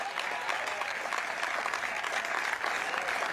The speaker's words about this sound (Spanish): ¿Cuántos alaban al Señor en esta hora? Pero fuerte ese aplauso, así es para el Señor.